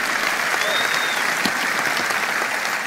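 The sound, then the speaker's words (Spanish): An audience claps steadily for the Lord for about three seconds, a dense, loud wash of applause with no break, and a faint voice briefly rising above it. “Vamos, dale un aplauso al Señor por esa.”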